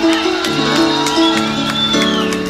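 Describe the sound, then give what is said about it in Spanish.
A lively crowd cheers and shouts with scattered claps mixed in, loud. The dense layer of voices holds steady for a couple of seconds. The audience is applauding the governor of the department of Meta. “Doctora, un gran aplauso, por favor.”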